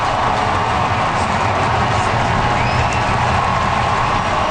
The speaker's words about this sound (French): Et du côté du sport, le voltigeur des Blue Jays, George Springer, est sorti du match en troisième manche sous une pluie d'applaudissements.